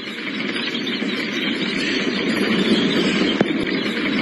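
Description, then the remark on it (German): Thousands of mice searching for food scurry over haystacks in New South Wales, making a dense, steady rustling and crackling, a continuous wash of fine scratchy noise at even loudness with no voices. “So klingt das, wenn tausende Mäuse auf der Suche nach Futter sind und über die Heuhaufen rennen.”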